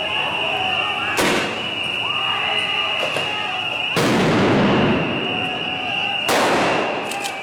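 Police in Kenya, in paramilitary riot gear, fire tear gas cartridges and ammunition: three sharp, loud bangs at irregular intervals, each followed by a brief crackling tail, over a steady high-pitched whine and murmuring crowd noise.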